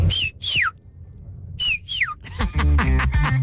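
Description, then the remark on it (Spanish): A parent's clear whistle call sounds twice: a short steady note followed by a sliding, falling note. Right after the second call, a voice starts talking. “Si acaso usaban un chiflido, ¿cuál era ese chiflido?”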